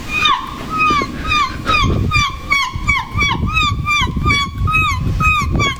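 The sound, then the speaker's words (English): A person imitates a seagull on a Today FM radio show, letting out a rapid series of loud, high, yelping squawks that bend downward in pitch, over a steady low rumbling, splashing noise. “It's very hard to believe this is a human being pretending to be a seagull.”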